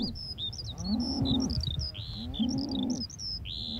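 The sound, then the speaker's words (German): A herd of 60 mother cows being rounded up moos in two long, low, drawn-out calls, one after the other, while birds chirp and tweet steadily in a high register over them. “Aber die Herde haut erstmal ab, war ja klar.”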